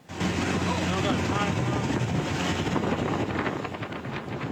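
A boat motor drones steadily across the water as residents flee wildfires by boat in communities north of Thunder Bay, Ontario, heavily buffeted by wind roaring over the microphone, with a constant rush of spray and churning water throughout.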